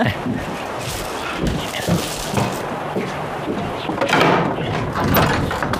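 A door is opened up close, with a few soft thumps and the clatter of handle and frame against a steady background hiss, no one speaking.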